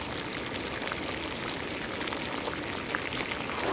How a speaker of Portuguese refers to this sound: Então, cá vão as hipóteses. Será uma panela de água a ferver, alguém a fazer sapateado numa aula de dança, ou uma banda a tocar e as pessoas a baterem palmas? O que é que te parece? Tens toda a razão. É a água a ferver.